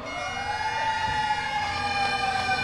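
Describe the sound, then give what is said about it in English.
Fire engine sirens wail steadily and loudly outside Fenway Park in Boston, their rising and falling tones layered over a constant outdoor rumble, with no voices. Firefighters and honor riders are setting off on a 343-mile bike ride to New York City to honor those lost on 9/11. “Serenaded by sirens and bagpipes outside Fenway Park, the riders began a 343-mile journey from Boston to New York City, symbolizing each of the firefighters lost on 9/11.”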